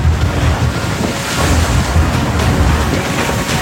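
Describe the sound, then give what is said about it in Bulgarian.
Rough sea waves at sea state 4 surge continuously while strong wind buffets the microphone, a loud, steady roar with low rumbling gusts and no voices, as the 22-metre border police ship Burgas comes alongside the 136-metre ship Chelsea 3 in dark, rainy, windy weather. “При вълнение от 4 бала започва сложна операция, при която дори сантиметрите са от значение.”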